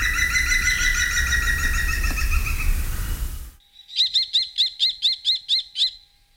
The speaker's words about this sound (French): Le numéro 19, c'est le pivert, qu'on peut voir un peu partout dans la campagne, qui est essentiellement un mangeur de fourmis.